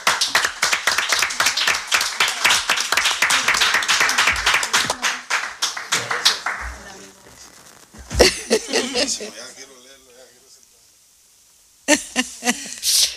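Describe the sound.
An audience claps steadily for several seconds for a guitarist about to play Cuban music, a dense burst of hand claps that thins out, followed by a few scattered voices and a brief final flurry of clapping.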